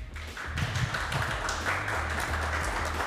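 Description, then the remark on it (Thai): An audience claps steadily for about three seconds for Bangkok governor candidate Korn on the show Next Station, a dense, even wash of many hands that starts up quickly and holds at a constant level, with a low hum underneath and no voices. “ปรบมือให้กับพี่กรณ์หน่อยครับ”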